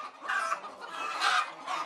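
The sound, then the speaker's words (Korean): Several laying hens in a farm's egg-laying house cluck and squawk continuously, a busy overlapping chorus of nasal calls swelling in bursts, fairly loud, with no talking. “생산적인 일을 열심히 하는 달그로 가득한 곳입니다.”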